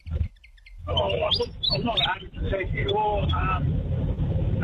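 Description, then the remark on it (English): A willy wagtail sings a rapid, chattering series of sweet chirps and whistled notes, loud, over a steady low background rumble, sounding slightly muffled as if played over a phone. “It is a willy wagtail.”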